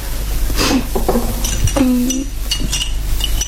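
Tea is poured as a cup and dishes clink together several times in quick, irregular taps, one ringing note hanging briefly, over a low steady background hum with no talking.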